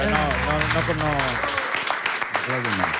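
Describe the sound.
A burst of clapping hands, a dense patter of claps growing clearer in the middle, with people talking over it at the start and end.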